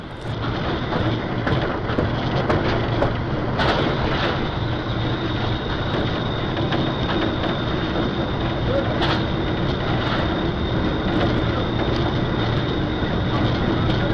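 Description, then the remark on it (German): A steady, loud rumble of a train leaving the station, heard from the driver's cab of the locomotive, with continuous mechanical roar, rattling and occasional sharp clanks and squeals over the whole stretch. “der Zug den Bahnhof, jetzt einmal aus der subjektiven Perspektive des Lokführers. Gut zu erkennen, wie die Erschütterungen unsere Kamera beeinflussten, aber einzigartige Bilder, die wir Ihnen nicht vorenthalten wollten.”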